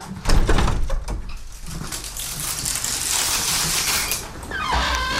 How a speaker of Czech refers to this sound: Tak, velmi opatrně otevíráme dveře voliéry.